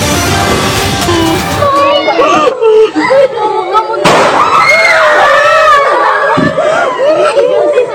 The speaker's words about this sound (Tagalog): Imbes na boses ng nagtuturo na guro, sunod-sunod na putok ng baril ang umalingaw-ngaw sa San Jose National High School sa Tacloban City sa Leyte. Ang mga estudyante, kanya-kanyang iyak at takbo.